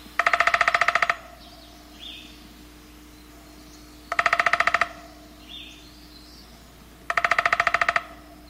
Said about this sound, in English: More likely, you'll hear the drumming of the downy.